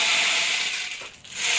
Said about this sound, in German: Ja, es ist eigentlich ein Percussion-Instrument, das kann man auch kombinieren. Genau. Oh, oh. Klingt wie ein Regenmacher, so ähnlich ist es auch.